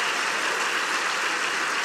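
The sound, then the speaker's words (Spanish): An audience at a religious service applauds for God in a steady, dense, continuous wash of many hands clapping at once. It is fairly loud and unbroken, with no voices rising above it. “Un aplauso a Él.”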